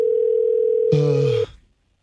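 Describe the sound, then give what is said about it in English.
A steady electronic ringing tone of an outgoing phone call placed during a radio broadcast holds for over a second, then a voice briefly cuts in over it before the line goes quiet. “I'm calling him right now.”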